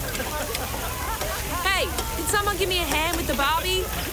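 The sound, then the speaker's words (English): Food sizzles on a barbecue grill in a steady crackling hiss, while several voices chatter indistinctly over the top. “Someone give me a hand with the Barbie.”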